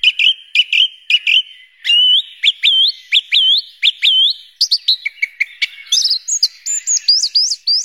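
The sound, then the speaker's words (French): A song thrush sings clearly, repeating short phrases of sharp whistles and chirps two or three times before switching to a new motif, with no voices. “Merci beaucoup Gilles pour cette découverte de la grive musicienne et de son univers.”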